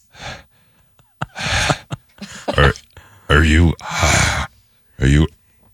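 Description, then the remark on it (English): A person breathes heavily and loudly, a series of harsh, raspy gasps and exhales with brief pauses between them, some with a strained, voiced edge. “Heavy breathing. Just heavy.”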